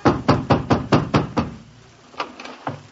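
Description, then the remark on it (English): A rapid, insistent series of about seven loud knocks as someone hammers on a landlady's wooden door, followed after a pause by a couple of fainter, scattered knocks. “I ran back home in despair. I hammered on my landlady's door and...”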